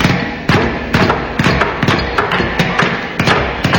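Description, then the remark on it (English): A studio audience hammering nails: a steady run of sharp, loud thuds and knocks, roughly two or three per second, overlapping slightly as if several hammers strike out of step, with no talking. “What a grand sight to see the studio audience hammering nails into each other.”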